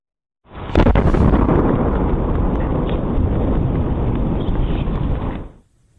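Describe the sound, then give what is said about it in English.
A loud, deep double boom from a 3-foot-wide meteor entering the atmosphere near Massachusetts, shaking buildings in New England on Saturday, swelling into a heavy rolling rumble that lasts several seconds before cutting off, with no voices. “the double boom was caused by a 3-foot-wide meteor entering the atmosphere near Massachusetts”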